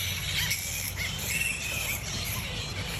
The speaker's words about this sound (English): But if a colony of flying foxes formed near your home, you'd know about it.